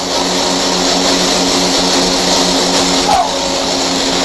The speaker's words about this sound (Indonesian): Uji coba perdana pesawat CN-235 mendarat mulus di Bandara Numfor